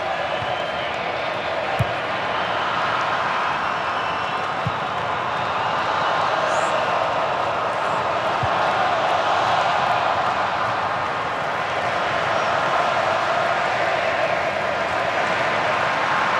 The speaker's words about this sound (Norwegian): Nå det kolumbiansk allsang på tribunen her. Nå må skru opp lyden litt grann, og få med seg en del av denne fantastiske stemningen.